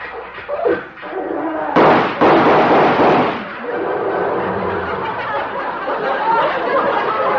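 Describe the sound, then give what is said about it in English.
An old tractor engine, driven by a man arriving for a visit, chugs and rattles, letting off a couple of loud, sharp backfire bangs near the start before settling into a steady, noisy running clatter. “He's come over to see me in his tractor.”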